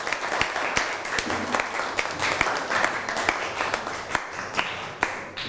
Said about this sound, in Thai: เอาปรบมือให้ตัวเองหน่อย